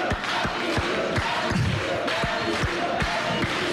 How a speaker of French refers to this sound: Alors on peut l'applaudir quand même